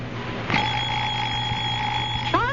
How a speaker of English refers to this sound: 4 a.m., time to go fishing. I'll murder that alarm clock. Oh, it's a wonderful alarm clock. Big Ben never forgets to get you up.